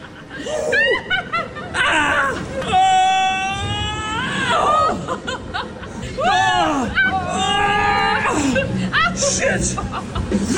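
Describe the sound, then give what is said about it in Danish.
Loud shrieks and squeals from a couple of people riding a rollercoaster simulator at Universe Science Park, rising and falling in pitch over about ten seconds, mixed with bursts of laughter and excited yelps. “Og der var de sådan en rollercoaster-simulator, og jeg har altså fundet noget lyd fra vores Instagram-story af, hvordan det lød”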